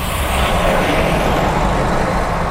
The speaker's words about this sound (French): Dans les rues de Saint-Jean-d'Illac, les autos, les motos, les roulottes de résidents qui reviennent croisent les convois de soldats du feu.